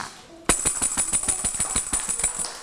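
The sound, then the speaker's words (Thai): A tambourine, played by a teacher as a rhythm signal for children moving their bodies, starts with a sharp hit and keeps going with quick, steady strikes, its bright metal jingles ringing continuously for about two seconds before fading slightly at the end. No voices. “เดี๋ยวคุณครูนะคะจะให้เสียงสัญญาณจังหวะแบบนี้ค่ะ”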